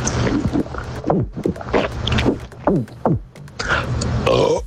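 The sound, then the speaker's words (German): A long, loud burp after a carbonated drink, sent in as a listener's voice message to Radio Regenbogen, low and croaking, rolling on for several seconds with wavering, gurgling pitch and no talking over it. “Und deshalb würde ich sagen, den nächsten Hydration Break machen wir ohne Kohlensäure.”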